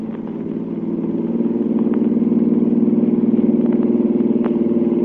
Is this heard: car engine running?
yes